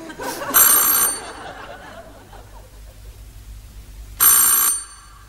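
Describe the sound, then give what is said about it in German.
A doorbell of a house rings twice as a visitor rings at the residents' door, each a bright, metallic burst of about half a second, with a pause of roughly three seconds between them and only a faint murmur in the gap. “Und ich werde gleich läuten bei diesen Leuten.”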